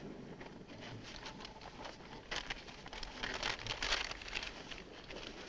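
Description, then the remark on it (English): Crisp paper crinkling and rustling as a large map is unfolded and spread flat on the hood of a car, with a louder flurry of crackling midway, set against faint outdoor wind noise. “Spread the map out on the hood.”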